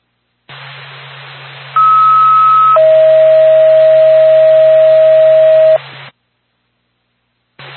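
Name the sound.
radio dispatch alert tone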